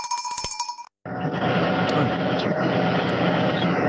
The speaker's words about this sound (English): The noise is what? In a tractor, just getting some ground ready for planting.